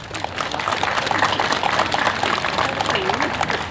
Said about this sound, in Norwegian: Ja, vi har alltid spesielle lover under kapperen, og jeg har med min stolte sjørøversønn her. Ser dere han er vokst litt her? Skal vi gi han en skikkelig applaus?